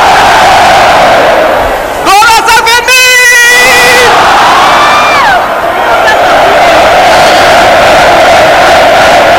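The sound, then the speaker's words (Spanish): A huge festival crowd roars and cheers in the Plaza del Ayuntamiento in Pamplona, Spain, at the opening of the San Fermín festival on 6 July, awaiting the chupinazo: a dense, loud, continuous wall of voices with whoops and shouts rising out of it, swelling into a rhythmic chant midway. “Sonido en directo desde la plaza del Ayuntamiento de Pamplona, para deber a sonar el estallido del chupinazo.”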